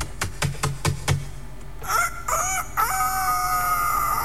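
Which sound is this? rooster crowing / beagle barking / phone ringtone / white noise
rooster crowing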